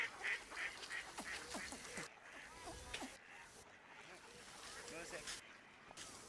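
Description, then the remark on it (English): A flock of ducks quacks and flaps in the water in a busy, overlapping chorus on a pond out of sight, picked up by a long-distance microphone and fairly faint, with a constant wash of water and background noise beneath. “The long-distance microphone revealed a busy pond somewhere, out of sight. Birds flapping in water.”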